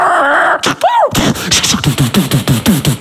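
A dog whines in a high, wavering tone, gives a short yelp, then breaks into a fast, steady string of loud barks, roughly a dozen in quick succession.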